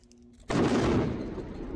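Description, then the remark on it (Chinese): A faint low hum gives way to a sudden, loud explosive blast, followed by a sustained roaring rumble that slowly fades, with no voices. These are successive explosions after Israeli airstrikes bombed the village of Mansouri in southern Lebanon on the 28th. “以军28日轰炸黎巴嫩南部村庄曼苏里后，当地接连发生爆炸，而且浓烟滚滚。”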